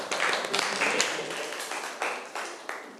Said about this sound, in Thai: ถูกต้องครับปรบมือเพื่อนหน่อยครับ